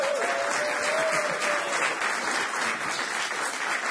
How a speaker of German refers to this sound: Gebt ihm auch mal einen kleinen Applaus.